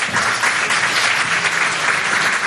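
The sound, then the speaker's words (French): A crowd applauds panelists introduced for a discussion on the business climate in Chad, steadily, dense overlapping claps forming a loud, even wash of sound for the whole stretch, with no voices breaking through. “Merci de les applaudir.”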